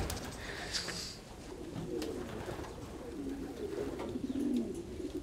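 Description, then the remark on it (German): Pigeons coo in low, throaty murmurs that overlap and repeat, with a few brief higher chirps from other birds and a steady outdoor hiss underneath. “Ich bin eben viel in der Natur und hier bei den Tauben, bei den Tieren und so.”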